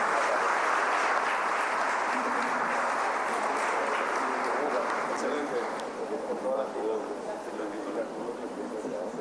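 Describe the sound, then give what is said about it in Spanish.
An audience in Paraguay applauds the commission for Asunción's 500 years, at an event attended by the President of Paraguay, in a dense, continuous wash of clapping that stays fairly loud and even throughout, thinning slightly toward the end. “Así que pido un fuerte aplauso, por favor, para ellos.”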